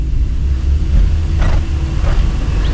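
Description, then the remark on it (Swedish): A car engine rumbles steadily, with a low, heavy drone throughout and a couple of brief rushing swells, like tires on the road, as a neighbour, a bus driver coming home from the night shift, drives up. “Grannen, Lars Grönlund, kommer körandes.”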